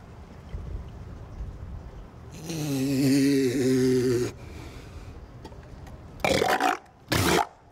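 A dog sneezes twice in quick succession, two short, sharp, breathy bursts, following a drawn-out snorting grunt. No one speaks.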